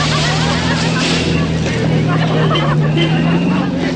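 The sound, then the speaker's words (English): A car engine drones steadily with a low, constant hum as the vehicle drives up a wet, slushy mountain road, tyre noise hissing underneath and faint muffled voices in the mix. “He follows up the slushy mountain road.”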